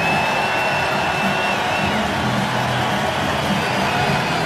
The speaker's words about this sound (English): A standing ovation for their superstar hurler, Jacob Mizorowski. His night is done after 6 1/3.